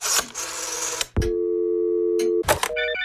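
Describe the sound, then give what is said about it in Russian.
A crackle of static gives way to a steady low telephone tone lasting about a second, then a click and a short run of stepped electronic beeps as a call to the fairy-tale police station fails to connect. “Чего эта связь сказочная барахлит? К сожалению, соединение с отделением сказочной полиции невозможно.”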